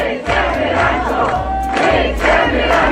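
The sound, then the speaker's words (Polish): A loud crowd of fans of the TV series Ranczo, who came from all over Poland, sings and chants together in a steady, rhythmic swell at the filming of the show's new season, with shouts and cheers rising over the massed voices and low thumping beats beneath them. “Oni tutaj śpiewają, robią zdjęcia.”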